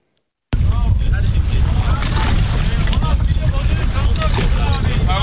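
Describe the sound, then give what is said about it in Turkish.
A boat heads out to sea off Çeşme, İzmir, Turkey, for a tuna fishing competition, its steady engine drone mixed with wind buffeting the microphone and splashing waves, with muffled voices faintly in the background. “Teknelerle denize açıldılar, en büyük Orkinos'u yakalamak için kıyasıya yarıştılar.”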